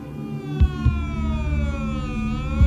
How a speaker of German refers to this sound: Am 1. November 1986 heulen in Basel die Sirenen. Zum ersten Mal seit dem Zweiten Weltkrieg. Aufgrund eines Chemieunfalls in der Schweizer Halle hat sich ein Gas freigesetzt.